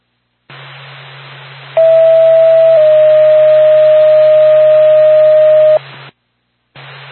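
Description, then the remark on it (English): Radio dispatch alert tones for Lancaster Ambulance: a steady high beep that steps to a slightly lower, longer held tone lasting several seconds, loud over a constant background of radio hiss and hum. “Door Pass to Lancaster Ambulance, stand by for tone.”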